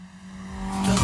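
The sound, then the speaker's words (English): A Tirana car engine revs and accelerates past the studio, with no audio effects, a steady hum swelling into a loud roar within about a second, with no voices. “no audio effects used in this segment, and Stan literally just guns the Tirana past the studio.”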